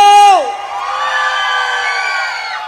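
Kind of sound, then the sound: crowd, audience shouting and cheering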